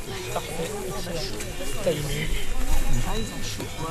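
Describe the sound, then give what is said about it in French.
Cow bells clank and ring irregularly, their bright metallic tones overlapping in a steady jangle, with a low murmur of voices underneath throughout. “Il y a eu des cloches de vache.”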